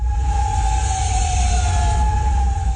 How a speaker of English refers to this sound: Sirens ring out overnight in Kuwait City. Officials there say its air defense systems intercepted missile and drone attacks.